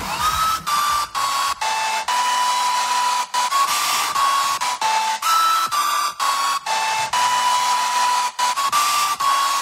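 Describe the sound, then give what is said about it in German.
A loud, steady hair dryer roars for the whole stretch, and a popular hit song's melody, hidden in the dryer noise for a music quiz, runs faintly beneath the blowing, its notes cutting in and out with short breaks. “Deshalb haben wir heute bei unserem Musikquiz mit Reiwecker einen großen Lieblingshit in einem Föhn verloren.”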